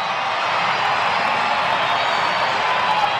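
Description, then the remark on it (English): A large baseball crowd at Petco Park in San Diego roars and cheers in a steady, sustained, loud wash of noise, no single voice standing out, in the top of the seventh with the bases loaded and the Cardinals leading 6-0, as the scoreboard urges fans to scream. “Crowd trying to get back into this one as well. Scoreboard's making some suggestions in the word scream.”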